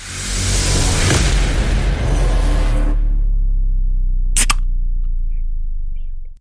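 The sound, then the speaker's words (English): A single sharp crack of a soft drink can's tab popping open, can number one, with a brief fizzy burst, following a few seconds of rough rushing noise over a steady low hum. “I'm going to go soft drink.”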